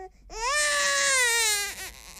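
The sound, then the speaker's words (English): A baby lets out one long, high-pitched wail lasting over a second, loud and strained, then trails off into a few short, choppy whimpers. No one speaks over it. “Baby's cries.”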